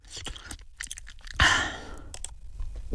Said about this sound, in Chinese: 你看看这面做的。 赞叹着，忍不住又咬了一口尝了尝，再喝了一口汤。